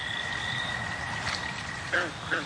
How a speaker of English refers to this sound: Then, finally one night, the good old American toad. All right, it is the most common species around, but at least it's a start.